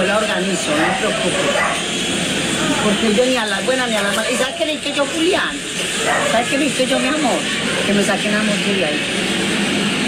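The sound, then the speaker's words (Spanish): Several dogs bark excitedly and almost continuously, mixed with loud overlapping shouts from people, creating a chaotic, noisy scene that stays intense throughout. “Les resumo para que no escuchen un montón de vainas y gritos y perros.”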